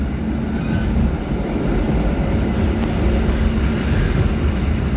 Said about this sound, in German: Das bisschen ältere Zugmodell rüttelt noch ein bisschen. Wir fahren jetzt aus.